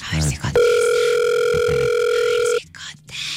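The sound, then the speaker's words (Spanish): A telephone ringing tone sounds on an outgoing call while waiting for someone to answer: one steady, loud electronic beep lasting about two seconds, with brief bits of talking just before and right after it. “Está timbrando, señoras y señores.”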